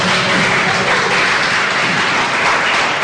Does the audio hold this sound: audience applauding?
yes